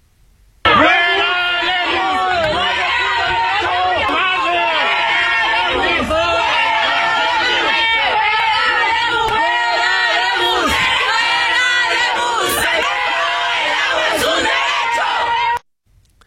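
A large crowd of students boos and shouts in protest over the water crisis, insecurity and high tariffs, a dense, loud wall of overlapping yells and jeers that holds steady for about fifteen seconds before cutting off abruptly.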